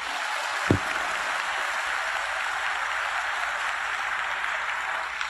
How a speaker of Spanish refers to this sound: Alabado sea el Señor, aleluya. Pero dele más fuerte el aplauso al Rey de Reyes.